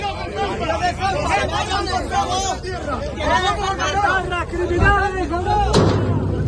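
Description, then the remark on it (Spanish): A dense crowd shouts and clamors continuously during a clash between a group and local residents, many agitated voices overlapping, then a single sharp, loud gunshot fired into the air by police cracks out near the end above the din. “La policía ha realizado disparos al aire.”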